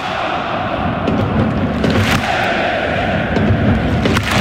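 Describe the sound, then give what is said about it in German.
A sold-out crowd of 57,000 fans at Hamburg's Volksparkstadion chants in a dense, steady roar, the whole Nordkurve calling out the three letters HSV after the win against Freiburg, with sharp claps breaking through at irregular intervals over about four seconds. “Die gesamte Nordkurve gibt nach dem Sieg gegen Freiburg allen zum Mitgrölen die drei Buchstaben HSV.”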